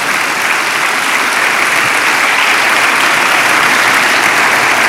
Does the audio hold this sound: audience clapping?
yes